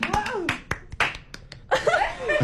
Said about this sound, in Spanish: ¡Aplausos, aplausos!